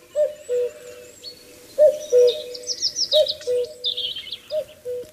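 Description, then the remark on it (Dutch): Outdoor birdsong: a cuckoo's low two-note call repeats steadily over high, busy chirping, with a common snipe faintly calling in the background, almost drowned out. No one speaks. “En een watersnip hoor ik op de achtergrond.”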